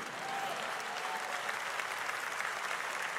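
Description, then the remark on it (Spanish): A crowd applauds steadily, many hands clapping in a dense, even wash of sound that holds at a constant level throughout, with no voices standing out. “No, este aplauso, ese aplauso no.”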